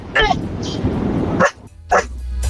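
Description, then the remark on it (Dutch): A person mimics a puppy's high, sharp yaps, three quick bursts spaced across a couple of seconds, fairly loud, with a bit of background murmur between them. “Ja, dat is een puppy. Heel een puppy. Maar wel echt heel goed.”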